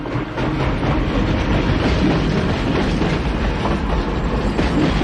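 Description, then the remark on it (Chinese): A steam train rumbles steadily along the rails with a dense, continuous roar and faint rhythmic clatter, loud throughout, with no voices. “在火车的汽笛声中，一条史诗般的国际商贸线路终被现代运输方式和贸易体系所取代。”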